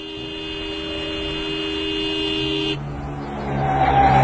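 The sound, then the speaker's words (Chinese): A speeding motorcycle roars while its horn blares in a long, sustained honk, then the engine noise shifts and climbs as the horn stops, with no voices present. “哎，开着摩托车，那么快速的，还猛摁喇叭。”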